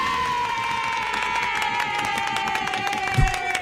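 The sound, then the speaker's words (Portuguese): A crowd applauds with dense, steady clapping under a sustained wash of cheering and held tones, keeping an even loudness for a few seconds before a brief thump near the end. “Não era pra aplaudir, não.”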